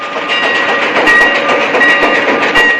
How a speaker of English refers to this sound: An old steam engine chugs its way through the western desert towards the frontier town of Shinbone. An old portly man taps his pipe against his hand as he waits at the station for the train to arrive.